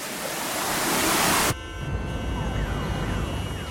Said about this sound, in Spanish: El tráfico de la ciudad tiene su propio ritmo y es mucho más lento de lo que te gustaría.